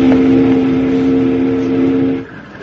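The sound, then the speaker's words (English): A loud, steady steamboat whistle, sounded by pulling the whistle cord, blows one long, deep blast for about two seconds, then cuts off abruptly, leaving a quieter rumble of background noise. “Pull that whistle cord again, Jingles.”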